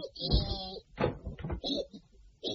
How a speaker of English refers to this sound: Grinning, Billy Bunter turned the door handle.